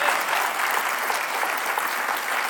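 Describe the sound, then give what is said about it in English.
A crowd applauds steadily, a dense, even wash of many hands clapping at once, holding at a constant loudness for a few seconds with no voices standing out. “We applaud, but in all reality, folks, this is not a dramatic announcement.”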